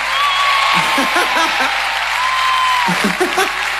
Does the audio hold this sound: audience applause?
yes